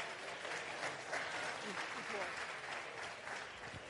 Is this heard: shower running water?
no